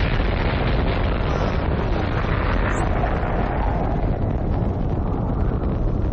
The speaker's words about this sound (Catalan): L'explosió de Txernòbil, que s'està a punt de produir, no és una explosió nuclear. És simplement una explosió de vapor. De tota manera, és un pet dels que fan història.